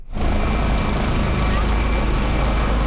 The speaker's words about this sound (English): Rescuers continue to use helicopters to lift flood survivors to safety after this week's devastating flood tore through a mountainous region on the Nepal-Tibet border.